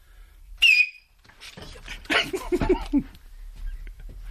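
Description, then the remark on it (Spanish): A single loud, piercing whistle from a person whistling, sharp and brief, then gives way to a burst of voices. “Baja el micro, que va a silbar Miki Nadal.”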